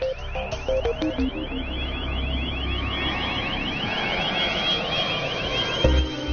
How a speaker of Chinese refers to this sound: 在泰雷炮的旁边，驱鸟队安装了一套定向声波。定向声波可以持续发出一种使鸟类害怕的特殊声音。通过设备聚集后，可以驱赶设备正前方800米范围内的鸟群。